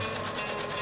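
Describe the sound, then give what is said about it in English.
A sock-stitching machine stitching socks made in Australia runs steadily, giving off a fast, even mechanical whir and clatter with a regular pulsing rhythm. It is fairly loud and continuous, with no voices. “Socks being stitched.”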